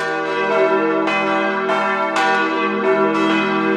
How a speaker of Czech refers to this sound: Vážíme si naší památky a takže jsme si sem nenechali dát elektrické ovládání, sice by to bylo pohodlné, ale my se rádi scházíme, takže máme 5 skupinek, které se střídají a pravidelně v neděli a ve svátky se tady zvoní v poledne.